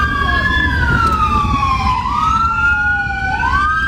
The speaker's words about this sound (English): We should have cut that out because nothing irritates me more than to be listening to the radio and somebody on the radio plays sirens and you're driving and what do? You start looking around. Where's it coming from?